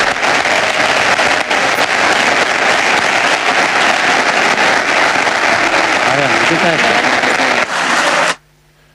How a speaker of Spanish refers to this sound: Hasta aquí el discurso de Florentino Pérez. Continúa el aplauso y veo a la gente poniéndose de pie para ovacionar al presidente Pereiro.